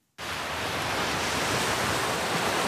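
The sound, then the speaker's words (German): A steady, full roar of surf washes in after a brief moment of silence, sustained with no distinct breaks between waves, and no voices, on a white sandy, palm-lined coast with clear turquoise water in the island state of Vanuatu in the South Pacific. “Weiße Sandstrände, glasklares, türkisfarbenes Wasser, palmengesäumte Küsten.”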